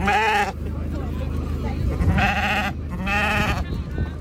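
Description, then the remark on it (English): A big, long Suffolk ram bleats three times, loudly, each call a wavering, quavering baa, with a low murmur of people and showground noise running underneath. “Your Suffolk Ram certainly turned heads the day”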